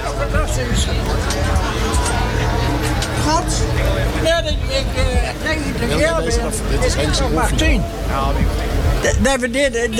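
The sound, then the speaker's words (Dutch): A heavy truck engine rumbles steadily and loudly throughout, with an unknown driver at the wheel, its deep drone mixed with the busy chatter of a crowd of people talking. “ja, de motor ronkt ook”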